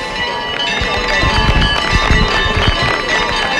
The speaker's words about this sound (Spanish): Efectivamente, aplausos, como dice Jesús, los vítores que hay, que le lanzan a la Virgen del Rocío, a la Blanca Paloma, a la Reina de las Marismas, en este caso una persona que está justo delante del sin pecado de la hermandad de Villamanrique.